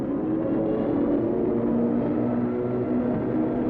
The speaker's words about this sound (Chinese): 飞机在冒着浓烟，可三个飞行员都还完整无缺。